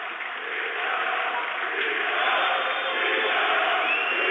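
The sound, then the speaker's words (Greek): A stadium crowd of Apollon football fans roars and chants steadily, a dense wall of many voices shouting together without pause, holding loud and even throughout. “Προσπαθώ να καταλάβω τι φωνάζουν οι Απολλωνίστες.”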